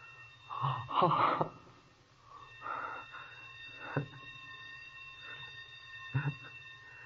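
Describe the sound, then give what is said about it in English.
A sprinkler alarm bell in a basement, set off when the day engineer turned off one of the sprinkler alarms, rings in a steady, sustained metallic tone, rather faint, while several sharp gasps and breathy vocal bursts cut in over it. “That was the bell back in the basement. The day engineer turned off one of the sprinkler alarms.”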